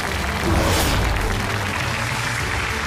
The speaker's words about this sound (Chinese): 接下来让我们掌声欢迎今天的权威专家，让我们欢迎来自首都医科大学宣武医院老年医学科的主任医师